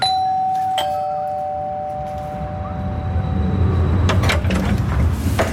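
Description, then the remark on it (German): A doorbell at an inconspicuous row house with wooden doors rings once with a clear, sustained tone that slowly fades over a few seconds, followed by a few sharp clicks and rattles against a low background rumble. The bell button has a small white sign with blue lettering. “Am lüten Knopf ein kleines weißes Schild, wo blau drauf steht, Frauenoase.”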